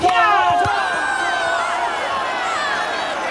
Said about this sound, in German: Alle Spieler und Spielerinnen jubeln und die Zuschauer sind begeistert.